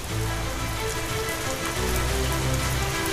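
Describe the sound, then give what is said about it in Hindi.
Steady non-monsoon rain caused by a western disturbance pours down over areas from Jammu to Himachal and Delhi, a dense hiss of drops striking a surface, with a low rumbling undertone running throughout and no voices. “एक लगातार सक्रिय होते वेस्टर्न डिस्टर्बेंस के चलते कई इलाकों में बारिश हो रही है।”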